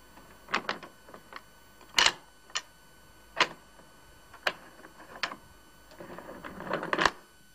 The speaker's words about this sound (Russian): Та же рука закрывает глазок и 6 замков на двери.